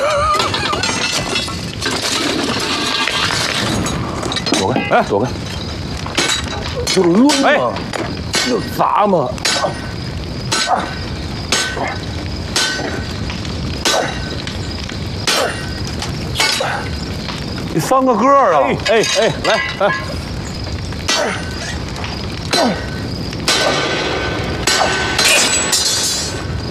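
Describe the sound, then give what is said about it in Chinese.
A sledgehammer pounds iron again and again in a loose, steady rhythm as a blacksmith forges a blade, each sharp metallic clang ringing out while people talk and shout in between. “哎，来来来来，你帮我抡两下大锤，我好好想想怎么回答你。”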